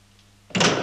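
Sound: door closing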